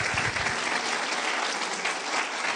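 An audience claps for the Lord during a sermon about Mary, sustained dense applause, a steady wash of many hands at even loudness throughout, with no voices standing out.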